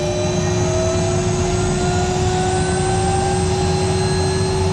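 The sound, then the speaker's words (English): An Icelandic rescue service helicopter engine drones steadily and loudly in flight, a dense rumbling roar layered with a constant high turbine whine and faint rising tones, with no voices. “So here we can see a map and we can see where the helicopter is in relation to the ground and terrain.”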